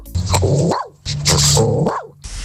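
A dog gives two loud, rough outbursts about a second apart, each a throaty snarling growl that rises into a bark, with no one talking.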